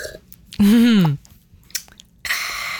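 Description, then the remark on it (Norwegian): Crisp crunching of someone chewing crispbread at breakfast comes in short dry bursts, after a brief loud voiced groan near the start; no words are spoken. “Det ikke alle som skal ha i seg dette knekkebrød.”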